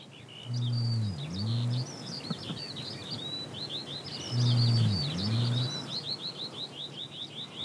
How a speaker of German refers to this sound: Auch im Juli wird immer noch gebalzt, gebrütet und gebrummt. Zum ersten Mal hören wir deutlich den Nandu-Ruf.